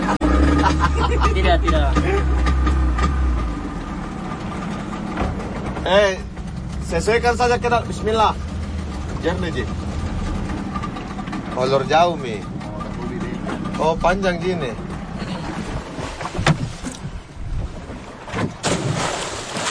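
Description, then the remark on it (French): Divers readying scuba gear on a boat deck, installing dive tanks, buoyancy compensators and other equipment: a steady engine rumble and wind buffeting, with voices talking and a few scattered knocks and clatters of equipment. “l'équipe de plongeurs qui est en ce moment en train de se préparer sur le pont, à installer les bouteilles de plongée, les stabilisateurs, tout le matériel.”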